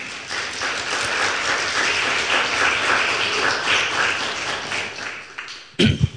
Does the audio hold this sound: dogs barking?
no